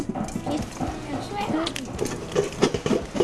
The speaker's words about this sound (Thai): ป๊อกแป๊กเยอะอย่างเงี้ย โอ้ยังมีเสียงเม็ดข้าวอยู่เลยอ่ะ